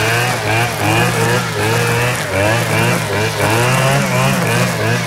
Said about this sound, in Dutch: De grasmaaier en de boomzaag. Ik dacht dat het een boomzaag was. Ja, de boomzaag of zo'n trimmertje om grasranden mee te verwijderen.